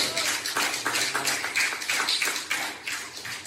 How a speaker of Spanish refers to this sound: Usted lo cree, denle un aplauso de gloria al Señor.